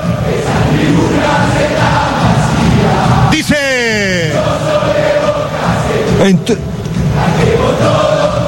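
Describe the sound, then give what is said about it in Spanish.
A football crowd at La Bombonera, Boca Juniors' stadium, chants and roars in a loud, unbroken wall of sound during the second half as Boca leads Central Córdoba de Santiago del Estero 3-0. A brief falling, whistle-like sweep comes partway through and a sharp burst near the end. A voice speaks briefly. “Sentí la bombonera. Escucha la cancha de Boca.”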